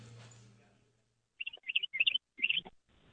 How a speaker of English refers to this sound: Let that bird chirping tell you the answer. Yeah, I hear him.